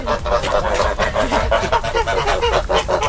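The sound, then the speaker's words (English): A flock of geese behind a barrier honking in a dense, overlapping chorus of nasal calls, with no pauses, over a steady outdoor background. “Join it's the geese. Oh, now, please, they're behind a barrier because they're vicious geese, aren't they?”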